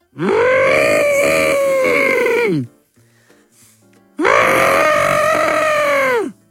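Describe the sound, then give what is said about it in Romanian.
A person vocally imitates an elephant's trumpeting, producing two long, loud, brassy calls of about two seconds each, separated by a short quiet pause. “Un animal. Elefant.”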